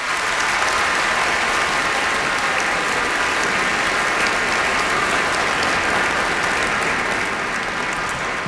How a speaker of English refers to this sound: Let's give them a big welcome round of applause.